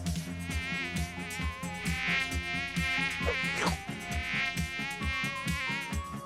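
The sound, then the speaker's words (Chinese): A voice imitates a buzzing housefly while acting out a fly in a timed word-guessing game, a steady, wavering drone that carries through the whole stretch over loud rhythmic background music with a regular thumping beat. “你当苍蝇。我来演壁虎。”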